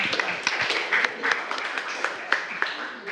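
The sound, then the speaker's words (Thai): Students in a classroom clap together for a group of classmates after their presentation of handmade craft work, a dense patter of overlapping hand claps with a few sharper slaps standing out, sustained evenly at moderate loudness for a few seconds. “ปรบมือให้เพื่อนกลุ่มนี้หน่อยขอบคุณมากค่ะ”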